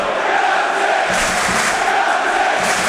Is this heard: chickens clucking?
no